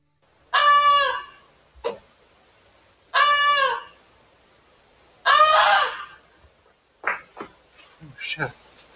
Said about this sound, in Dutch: En dankzij het geluid van die gans konden dus ook andere dieren op tijd in veiligheid worden gebracht.